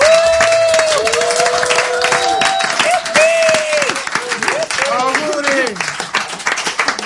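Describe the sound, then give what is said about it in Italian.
A crowd applauds loudly and steadily for several seconds for the theatre company ATIR on its 30th anniversary, dense clapping mixed with scattered whoops and shouted cheers rising above it, the noise easing slightly toward the end. “Loro hanno compiuto 30 anni, un applauso.”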